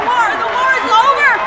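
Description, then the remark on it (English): A dense crowd of excited voices on a train at the station in Portland, Oregon, as people crowd aboard, run up and down the aisles and hug everybody to celebrate the end of the war, many talking and calling out over one another at a steady, fairly loud level, with bustle and movement. “People were crowding onto the train, running up and down the aisles, hugging everybody.”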